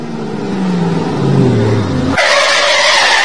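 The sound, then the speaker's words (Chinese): A car engine rumbles and drops in pitch, then tires abruptly break into a loud, sustained high-pitched screech as the car, whose brakes do not hold steady and whose brake pads are cracked, brakes hard and skids. No one speaks. “师傅，车子刹不稳，您帮看看什么问题啊？”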